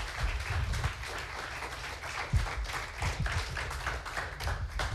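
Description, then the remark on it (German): A crowd applauds steadily for the full stretch as the participants are called back onto the stage, dense clapping with a few sharper, louder claps standing out now and then; no one speaks. “Deshalb bitte ich unsere Teilnehmer noch einmal unter Applaus hier vorne auf die Bühne.”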